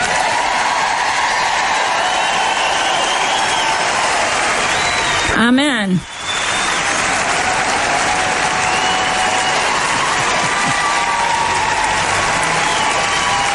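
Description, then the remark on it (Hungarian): A large audience claps steadily and densely for over ten seconds, a loud, sustained wash of applause, with one voice briefly calling out partway through. “Adjunk egy nagy tapsot Dave-nek.”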